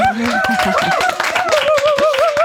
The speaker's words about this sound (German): Hey, letzte Woche auch schon Cypher abgeliefert. Applaus.